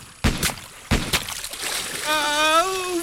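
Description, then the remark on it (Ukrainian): Two sharp, loud underwater blasts throw up heavy splashes of water in quick succession, each followed by a second burst of spray, and then a voice lets out a long rising shout. “Отак браконьєри рибу глушать. Тільки гранатами чи динамітом.”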